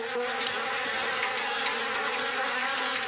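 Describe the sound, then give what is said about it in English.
A dense swarm of angry bees, swarming out of a beehive in a tall tree after it was smacked, buzzes continuously and loudly, a thick, steady droning hum with shifting overlapping wingbeats and no pauses. “The bees swarmed out in fury, buzzing and stinging.”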